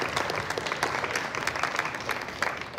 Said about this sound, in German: Eine Runde Applaus bitte, kommt alle auf die Bühne.